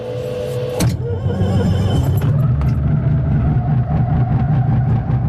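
A small aircraft engine coughs to life with a sudden burst, then settles into a loud, steady low rumble with a throbbing, pulsing rhythm and no voices.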